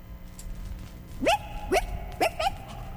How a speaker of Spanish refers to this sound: Es un perrito que me acabo de encontrar en la calle. Es muy simpático. Nada más me vio y me empezó a mover la cola.